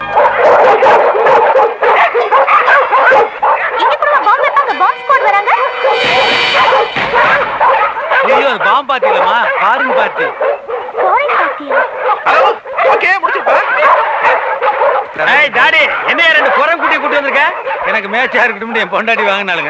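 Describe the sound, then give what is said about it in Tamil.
A new dog that pulls and will not obey anyone barks and yips excitedly in rapid, repeated bursts, mixed with whimpers, while people talk over the commotion. “புது நாய் இழுக்குது, யாருக்கு கட்டுப்பட மாட்டேங்குது.”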